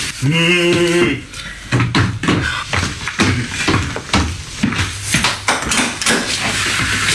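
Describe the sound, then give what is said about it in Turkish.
A brief ringing, chime-like tone opens, followed by a long run of sharp, irregular knocks on a door, loud and steady over several seconds. “Şimdi kapı çalıyor.”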